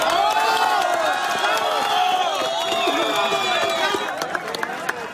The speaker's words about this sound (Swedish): Här ljud från staden Pereira i natt, då applåder bröt ut när en kvinna räddades efter 1,5 dygn under ett ihoprasat hus.